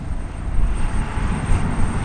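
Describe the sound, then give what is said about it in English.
A steady, heavy mechanical roar from a churning turbine powering one of roughly 40,000 gas wells, deep and rumbling with a faint high whine on top, droning continuously at a constant loud level with no voices. “That's a churning turbine, energizing one of roughly 40,000 wells here.”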